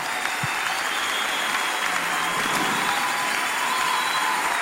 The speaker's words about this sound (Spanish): A nuestro apóstol, más fuerte esas palmas.